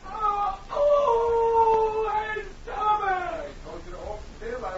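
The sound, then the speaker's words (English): A man howls and moans in pain in a series of long, wavering cries, fairly loud but slightly muffled, coming through the door from the back room of a new dentist's office in Dawson. “looked uneasily at the door that led to the back room as howls of pain came through it.”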